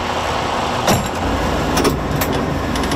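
Steady low rumble of the engine and road noise from inside the Unity bus (bus de l'Unité) touring the province with Forever Canadian volunteers, with a few brief rattles and clunks breaking through the constant drone.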